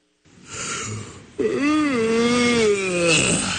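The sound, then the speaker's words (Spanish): A person asleep in car traffic snores: a rough, breathy rasp followed by a long, loud, wavering nasal drone, set against a faint hum like traffic in the background. “¿Qué es eso de andarte durmiendo en el tráfico?”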